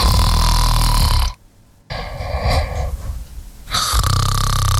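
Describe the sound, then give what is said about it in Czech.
Loud, rasping human snoring from a snoring recording: three long, rumbling breaths, each broken by a brief pause, with no talking. “Měli jsme tady takovou jednu ukázku s tím, jestli věříte tomu, že jde o lidské chrápání právě z nějaké takové nahrávky.”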